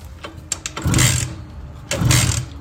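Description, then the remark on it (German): A Simson S51 moped, a prize from the radio station Hitradio RTL, being started with a key: a few sharp clicks, then two short, rough bursts of sputtering engine noise about a second apart, moderately loud, with no steady idle after. “Schlüssel rum, lass mal an das Ding.”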